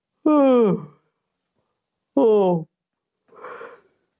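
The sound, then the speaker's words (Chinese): A person performs a yawn with two drawn-out, downward-sliding voiced groans, close and fairly loud, followed by a softer breathy exhale, with no words spoken. “蔺相如见到秦王，就见秦王啊坐在殿上，坐得很随意，十分傲慢，眼睛啊都没看蔺相如，还打着哈欠。”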